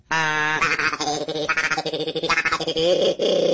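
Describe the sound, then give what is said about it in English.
A duck call blown in a quick run of loud, buzzy, reedy quacks that rise and fall in pitch, nearly continuous for a few seconds with no talking. “It's like a duck calls.”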